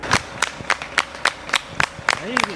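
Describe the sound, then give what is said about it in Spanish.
A crowd cheering the army claps in a steady, rhythmic beat, about three or four claps a second, as soldiers guide groups of young people toward the border, with voices calling out faintly underneath and rising near the end. “El ejército, vitoreado en ocasiones, va encapsulando grupos de ellos y guiándolos hacia la frontera.”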